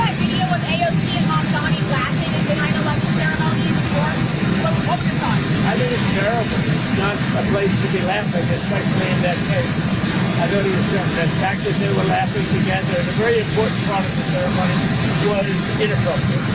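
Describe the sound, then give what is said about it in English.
A loud, steady roar of an aircraft engine with a high jet whine runs throughout on an airport tarmac in Ireland, while voices of the press asking questions talk indistinctly beneath the constant engine noise. “He's about to get on the plane. And he's answering questions for the press on the tarmac.”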